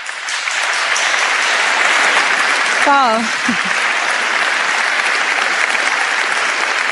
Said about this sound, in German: Begrüßen wir jetzt mit einem großen Applaus die Moderatorin des heutigen Abends